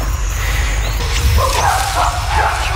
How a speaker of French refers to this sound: They've got one. Et là, on entend les chimpanzés qui crient à gauche et à droite. Ils étaient à la chasse au singe Colobe.